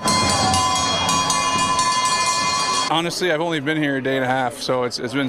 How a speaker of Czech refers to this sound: Za Kanadu při vítězství nad Švédskem 5-3 nastoupil legendární Sidney Crosby a přivítal ho na stadionu i zvuk, který z NHL tak úplně nezná. Byly to pro Švýcarsko typické kravské zvony.